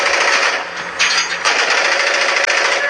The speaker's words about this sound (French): Alors, sur leur téléphone, ces vétérans nous montrent des vidéos de drones russes abattus en Ukraine, ici ou ailleurs, par des mitrailleuses comme celle-ci.